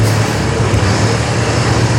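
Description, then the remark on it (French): A car engine rumbles steadily and fairly loud, a continuous low hum with road-like noise and no talking, as the car drives off; a car door closes. “C'est pas une mobylette, c'est pas une moto, c'est une voiture.”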